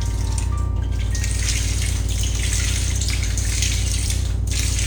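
Water splashes and churns continuously, a steady rushing wash with a low hum underneath, as someone dives down to the bottom of the Loksado River. It stays fairly loud throughout, with no voices.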